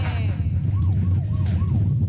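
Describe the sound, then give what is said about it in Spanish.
Steady, heavy low rumble of a car's engine and road noise heard over a phone line from a caller in a car, filling the whole clip, with a faint wailing siren rising and falling a few times in the background. “Ese es el carro que está haciendo el reporte.”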